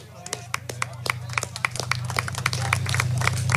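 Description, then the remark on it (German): Audience applause that begins with scattered individual claps and swells into dense, steady clapping from a crowd, with a low constant hum underneath. “Und ich glaube, es ist einmal ein kräftiger Applaus wert für all diejenigen, die da unterstützend mit dabei waren und heute mit dabei sind.”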